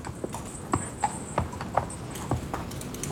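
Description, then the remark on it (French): Horse hooves of a horse-drawn carriage with a coachman clip-clop at a steady walking pace, a series of sharp knocks about every half second over a low rumbling carriage noise, with a faint high whine running throughout. “Je descendis de la voiture, et ayant remis ma malle à l'aubergiste et payé le cocher, je me mis en route.”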